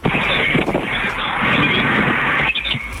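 Loud, continuous rushing wind buffets a phone microphone, a dense roar with low thumping gusts that barely lets up for the whole stretch, with no one speaking over it.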